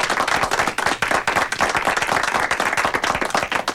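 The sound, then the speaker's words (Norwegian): A steady burst of applause from a small group in a radio studio, dense overlapping claps for a few seconds with no voices, given in thanks for a listener's gift. “som bor på Greåker, og skal få en applaus.”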